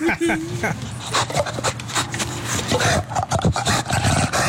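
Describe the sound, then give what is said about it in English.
An animal named Smooch makes a raspy growl with harsh, rattling bursts and short barking cries, sounding like a velociraptor call, continuing for several seconds over a noisy background. “Sounds like a velociraptor.”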